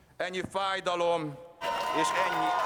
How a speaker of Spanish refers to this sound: Aplausos y vítores a Peter Magyar a su llegada al Parlamento. Así le han recibido en su camino a convertirse en el primer ministro de Hungría.